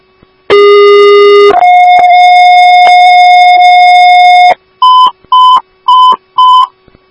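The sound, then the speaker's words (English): A two-tone fire dispatch alert for Woodbury Station 3 and Woodbury Ambulance 3, sent for a stroke call: a one-second higher harmonic tone, then a long three-second lower tone, followed by four short, evenly spaced beeps. Loud and steady with no talking. “Woodbury Station 3, Woodbury Ambulance 3, hear your tones for 7115 Tamarack Road, Unit Suite 150 in Room 3 for a VLF stroke.”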